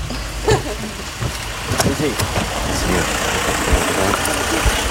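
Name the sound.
car engine running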